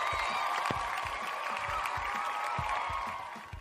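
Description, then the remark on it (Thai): Steady applause from commentators and audience fills the whole stretch, a dense wash of many hands clapping with a few individual claps standing out, fading slightly at the end. “คอมเมนเตอร์ปรบมือ”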